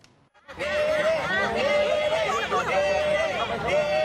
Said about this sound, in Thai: ข้างนอกเนี่ยที่บางท่านอาจจะผิดหวังนะฮ ะ เข้าไปเชียร์ด้านในไม่ได้เนี่ยก็มากันเยอะมากันแน่นเรียกว่าเป็นการรวมตัวกันของคนไทยในสหรัฐแบบไม่ได้นัดหมายก็ว่าได ้ เพื่อมาให้กำลังใจเน่ๆนะลองดูบรรยากาศกองเชียร์กันหน่อยครับ